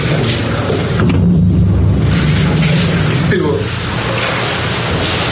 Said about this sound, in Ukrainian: Ніч 24 лютого 2022 року. Маріуполь здригнувся від перших вибухів. Уже від досвіта російські війська розпочали масовані обстріли, що згодом перетворили мирне місто на суцільну руїну.